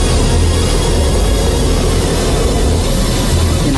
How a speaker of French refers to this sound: Le Boeing de la Pan Am est immobilisé, mais ses moteurs tournent encore à plein régime.